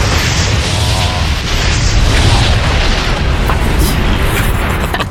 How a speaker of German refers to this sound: Okay, also Schnallt euch an, denn für uns geht es jetzt hoch hinaus. Wir starten gemeinsam unsere Rakete.